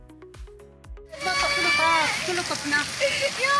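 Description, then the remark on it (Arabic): Steady, dense rain from an autumn rainstorm patters on a displaced family's tent in northern Syria after a few brief musical notes. A young girl cries as rainwater gets into the tent, and other voices rise over the constant wash of falling water. “فخلال المنخفض الجوي الأخير والعاصفة المطرية الخريفية التي أصابت الشمال السوري، انتشر مقطع مصور لطفلة تبكي بسبب دخول مياه الأمطار إلى خيمة عائلتها.”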